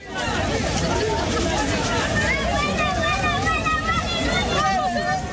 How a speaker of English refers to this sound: Well, that footage shows crowds of people, many of them Moroccans, running along the beach in Ceuta.